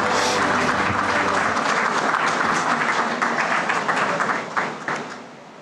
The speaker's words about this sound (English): Ladies and gentlemen, a warm round of applause for the Finance Minister, Nirmala Sitharaman ji.